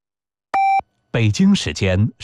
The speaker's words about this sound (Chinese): 好，这个咱们要进一段半点报时啊，稍后回来继续跟大家聊聊天，大家可以进入到新闻广播的视频直播间找到我们。